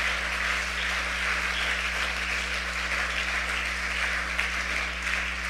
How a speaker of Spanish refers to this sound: Aplauda la presencia de Dios esta noche.